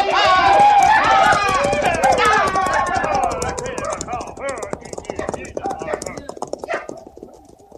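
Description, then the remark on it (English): A herd of thousands of buffalo stampedes over the hills toward the river in a dense, rapid drumming of many hooves that carries steadily throughout, with loud, wavering cries over the first half that gradually thin out. “Coming over the hills beyond, running for the river. Look at them. Thousands of them, noses in the wind and running belly bent for breakfast.”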